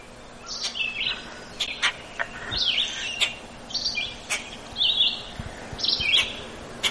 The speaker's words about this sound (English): But that's a red-eyed vireo, a little phrased song.